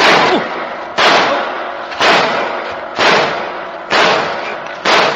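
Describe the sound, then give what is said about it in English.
Six loud gunshots fire at a steady pace, roughly one per second. Each sharp crack rings out into a long fading tail before the next shot. “Put that gun away before I slap you across the mouth with it.”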